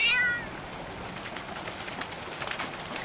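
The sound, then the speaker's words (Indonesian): A cat, Belang, held in a plastic basin, gives one short, high-pitched meow right at the start, then only a steady, hissy background noise continues with no voices. “Lihat teman-teman, kucingnya lebih tenang”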